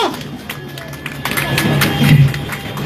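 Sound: crowd applauding and cheering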